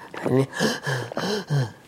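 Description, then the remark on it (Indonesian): A voice imitates high-pitched panting, a symptom of lung heat: four quick, breathy, voiced gasps in a steady rhythm, fairly loud, with no other sounds around them. “Terengah-engah tapi suaranya tinggi.”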